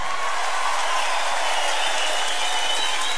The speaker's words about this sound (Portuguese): Aplausos para esse poeta, esse irmão, meu irmãozão